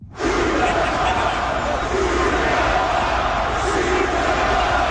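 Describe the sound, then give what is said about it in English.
A huge Montreal hockey arena crowd of about 20,000 people yells "shoot the puck" together during a Habs game against Carolina, a loud, sustained roar that starts abruptly and holds steady for several seconds, thousands of voices blending into a dense wall of shouting. “That is 20,000 or so people yelling, shoot the puck.”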